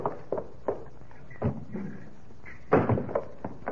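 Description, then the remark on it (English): A store's side door creaks open and is pushed shut with a solid bang, surrounded by a scatter of lighter knocks and thuds, with no voices. “if it ain't Hopalong Cassidy, and he comes sneaking in my side door”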